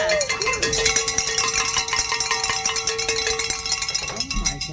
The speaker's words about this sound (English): Is the cowbell too much? Was I pretty good?